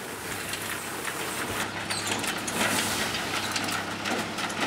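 A tractor engine runs steadily while bringing large loads of green fodder to elephants at an elephant enclosure in Kronberg, a low droning rumble under a wash of rough mechanical noise and scraping, with no one talking.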